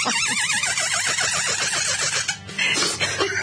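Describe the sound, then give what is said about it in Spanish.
A loud, shrill imitation of a hen clucking, made with an object during a live on-air broadcast: rapid wavering high-pitched warbles that repeat for about two seconds before breaking into harsher, noisier squawks. No one speaks over it. “Estaba haciendo la gallinita.”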